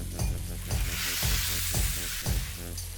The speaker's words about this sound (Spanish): Bueno, el vino ya ha evaporado sus alcoholes y demás. Ya no huele alcohol. Vamos a volver a poner la cabra en ese caldero.